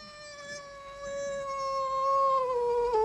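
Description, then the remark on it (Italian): A human voice imitates a cat with one long, drawn-out meow, held steady for about three seconds before its pitch dips slightly at the end, fairly loud. “segreto come il terremoto, attento come un gatto”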